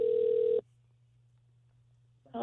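A telephone ringback tone sounds over a phone line as a morning show calls a contact from a friend's phone: a steady buzzing ring lasts about half a second, then a long quiet pause with faint line hum before the next ring begins.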